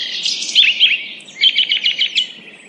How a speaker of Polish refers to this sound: Nieustannie polecam oddalenie się na zielone, no chyba, że ktoś nie lubi głośnego o tej porze roku śpiewu ptaków i szumu drzew.